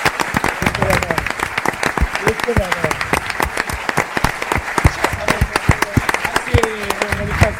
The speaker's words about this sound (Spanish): pedirvos que vos aplaudades a vos mesmos, porque sois casi 300